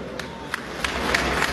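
A crowd roars steadily while sharp claps or shouts punch through at a regular rhythm, about three per second, building slightly louder toward the end.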